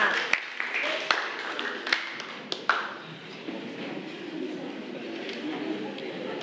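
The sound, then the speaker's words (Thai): A classroom of schoolchildren claps for their classmates who presented, in a scattered, uneven burst, with a few sharp louder claps early on and a steady patter of applause mixed with chatter continuing after. “ปรบมือให้กับเพื่อนๆตัวแทนด้วยค่ะ”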